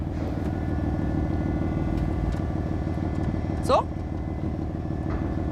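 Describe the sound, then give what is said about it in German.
A car engine running after a cold start, a steady, deep, throbbing idle that holds even throughout, with one short spoken word partway through. “Schon dieser Kaltstart von dem Auto, das ist schon mal sehr, sehr geil.”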